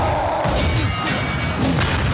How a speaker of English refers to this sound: I'm hearing like lightsabers and superheroes like crashing into stuff.